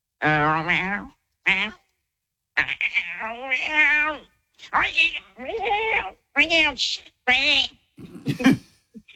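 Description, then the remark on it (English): A person imitates a cat, giving a series of about eight wavering, pitch-bending meows and mews separated by short pauses, some drawn out and others clipped, ending with a breathy, hissy burst. “You can do the cat.”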